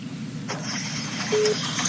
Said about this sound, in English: Just wondering what that beep beep is. My phone's not making no noise. Huh. Oh, it might be my phone. Yeah, it might be my phone.